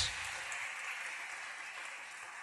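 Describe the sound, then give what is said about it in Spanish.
An audience applauds the Lord after a Bible verse, a dense, steady wash of many hands clapping that holds at an even level throughout, with no voices rising above it. “Aplaudan al Señor, hermanos.”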